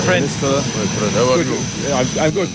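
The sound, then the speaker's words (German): A steady airplane engine drone with a high, constant whine runs throughout, fairly loud, while people talk over it, after the plane has landed in Nouakchott, the capital of Mauritania. “7 Stunden später steigt er in Nouakchott, der mauretanischen Hauptstadt, aus dem Flugzeug.”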